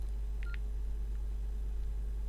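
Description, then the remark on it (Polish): Two quick key-press tones beep in close succession near the start as the pencil key and the right-arrow key are pressed, then nothing but a steady low electrical hum for the rest of the moment. No one speaks. “Naciskam ołówek i strzałkę w prawo.”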